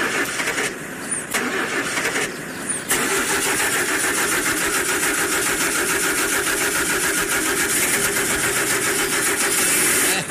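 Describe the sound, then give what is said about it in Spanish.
A car engine cranks in a few bursts, stumbling and catching around three seconds in, then settles into a steady, loud running rumble with no one speaking. “Venga, prendo el carro. El carro sí me tiene que llevar.”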